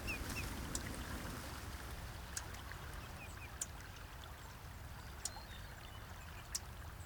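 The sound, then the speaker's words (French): Steady low wash of a slow-moving river a few meters away in a valley, slowed by an almost flat slope, with a soft continuous murmur and a few faint chirps or splashes scattered through. “Nous voici à quelques mètres seulement de la rivière. Sa masse ténébreuse, ralentie par une pente quasiment nulle, est presque silencieuse.”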